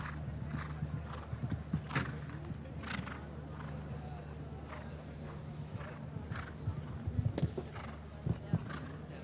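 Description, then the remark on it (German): A horse, DiCaprio, 15 years old and descended from Diarado, whinnies while hooves clop in an uneven rhythm over a steady low hum, with broad bursts of noise scattered throughout. “Übrigens, das Pferd gehört ihrem Freund, der auch in Dagobertshausen lebt, nämlich der Brite oder dem Briten Donald Whittaker.”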